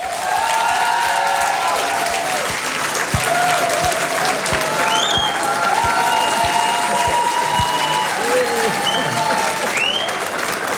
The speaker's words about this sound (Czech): Musím říct, že mě pochopitelně potěšil ten aplaus, ale myslím, že musíme posluchačkám a posluchačům sdělit i to, že zde je obsluha a v případě mého jména dokonce i jedna barmanka zatleskala, což odkazuje, ano, děkuji mnohokrát.